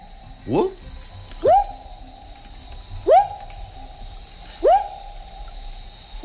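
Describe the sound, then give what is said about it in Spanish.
A frog calls alone: five or so rising, whooping notes, each quickly swooping up then holding steady, repeated at an even pace about every second and a half, clear. “Es un anfibio. Es un anfibio.”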